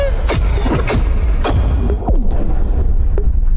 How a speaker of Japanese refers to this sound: え、待って、あれ爆発するの？海の。